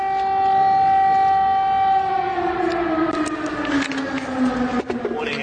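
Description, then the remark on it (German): A loud air raid siren wails steadily in Kyiv, Ukraine, during German Chancellor Merz's visit, its sustained tone slowly falling in pitch as it winds down, with no voices present. “Immer wieder heulen die Sirenen des Luftalarms, immer wieder sind Explosionen zu hören.”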